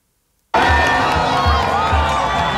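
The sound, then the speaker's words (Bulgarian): After a half-second of silence, a huge crowd of nearly 2 million people in the streets of Madrid, welcoming Spain's new football world champions, cheers and roars continuously, a dense wall of overlapping shouts and whistles with a low rhythmic thumping pulse underneath, loud throughout. “Близо 2 милиона души изпълних улиците на Мадрид, за да посрещнат новите световни шампиони по футбол – Испания.”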